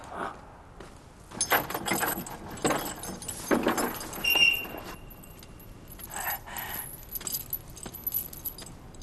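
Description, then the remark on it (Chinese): Keys jangle and clink in bursts of metallic rattling as a soldier guard unlocks a heavy prison cell door, with a brief high squeak of the lock or hinge and no voices. “开门，快开门，把他们门打开。”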